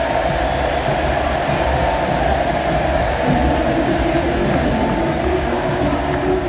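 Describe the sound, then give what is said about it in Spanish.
A huge crowd of Argentina fans at the Monumental stadium roars steadily for several seconds, with sustained voices rising and falling in a chant of "Messi, Messi" above the dense, loud wall of noise. “la voz del estadio mencionando el último partido de Lionel, el aplauso rabiar de la gente, se mueve la Argentina, escuche, escuche, escuche el Messi Messi.”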